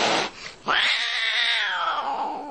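A cat lets out one long, loud, drawn-out yowl that rises sharply, then slowly sags and fades, following a brief burst of harsh noise. No one speaks.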